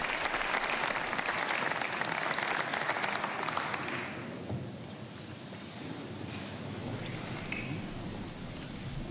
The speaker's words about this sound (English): And we hear the sustained applause for Cofolio's address to the civil authorities of Spain.